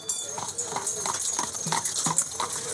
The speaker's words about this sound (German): Oh, ein Pferd.